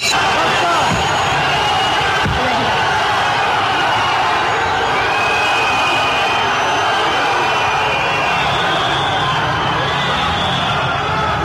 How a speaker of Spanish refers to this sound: Eso es un abucheo tremendo que recibió hoy el presidente de España.